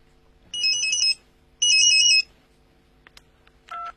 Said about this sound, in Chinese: 喂，谁打手机？